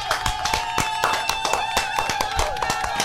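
A burst of lively applause, many hands clapping in quick, irregular sharp claps over about three seconds, fairly loud and steady, with a faint murmur of voices underneath.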